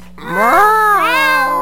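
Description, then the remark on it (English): A person imitates a cat with one long, drawn-out meow, loud, its pitch rising, dipping, then swelling again before trailing off, with no other sounds around it. “And and I was like, oh, like without missing a beat, I was like, oh, like meowing in the workplace.”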